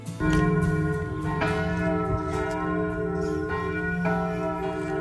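Church bells of the Basilica of San Francesco in Assisi ring loudly and steadily, with several strikes layering over a sustained, humming resonance that keeps sounding throughout, no voices present.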